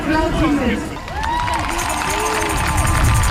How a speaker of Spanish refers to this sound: Ambiente de esta tarde en la plaza de la catedral, justo delante del Parlamento Estatal. La gente frente a un escenario aplaudiendo los discursos contra Alternativa para Alemania.